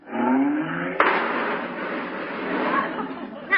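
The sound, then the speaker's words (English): A car engine revs, then a sharp crunching impact hits, followed by seconds of loud grinding and scraping metal, ending with another thud as the car bumps into fenders while squeezing into a parking place too small for it. “Oh, that fender reminds me.”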